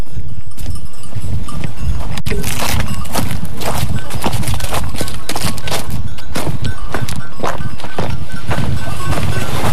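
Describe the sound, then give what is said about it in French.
Steady footsteps scuff and clack down dry stone steps at Le Vernet, Saint-Germain-de-Calberte, in an uneven rhythm, with crunchy grit and small stony knocks throughout and outdoor ambience in the background. “Et là, on est en train de descendre des faïences. On a des beaux escaliers en pierre sèche.”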